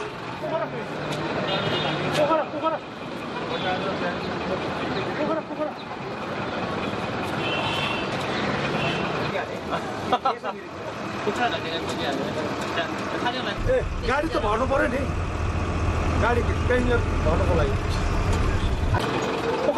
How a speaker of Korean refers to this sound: 버스는 승객을 더 태우려고 가다 서다를 반복합니다.